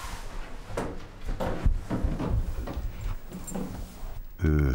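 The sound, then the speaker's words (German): A transport crate holding two young coatis, Carmen and Marie, rattles and clatters as its door is worked open in a hallway, with a series of knocks followed by a loud creaking scrape at the end. “Klappe auf für Carmen und Marie, die beiden neuen Nasenbär-Teenager.”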